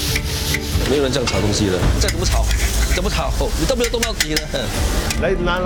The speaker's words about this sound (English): 没有人这样炒东西的，再怎么炒，你都没有动到底了。来，拿下来，不是这样的。 Today haven't finished frying, around 150 kg, a lot.